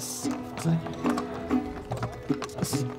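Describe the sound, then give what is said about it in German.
Horse hooves clip-clop in a steady, uneven rhythm of sharp knocks as riders on horseback arrive together with other charros in front of a church, with a murmur of voices and crowd noise underneath. “denn wir kommen mit Pferd und unfallfrei gemeinsam mit den anderen Charros vor der Kirche an.”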